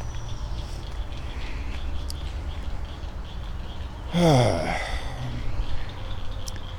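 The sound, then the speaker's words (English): A frog chorus in a pond: a steady low, buzzing wash of calls, with one louder, tonal croak from a big frog rising briefly above the rest. “Wow, listen to these frogs. There's a big one.”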